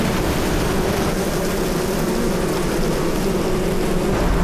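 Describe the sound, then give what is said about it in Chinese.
A steady, dense hum of bees fanning their wings to ventilate in the heat, a continuous low buzzing drone with a hissing, airy wash over it, holding an even loudness throughout with no voices. “热了，扇膀子，这是排风了，空调。”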